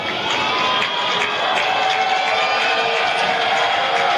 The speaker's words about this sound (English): Crowd trying to provide Garrett Bonnet with a little bit of energy here in the top of the fifth.